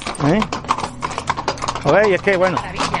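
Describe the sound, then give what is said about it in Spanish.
Horse hooves clop on the cobblestone streets of a city in a steady stream of sharp, hollow knocks, with a voice speaking over them. “por el hermoso sonido de los cascos de los caballos en el empedrado de las calles de la noble ciudad.”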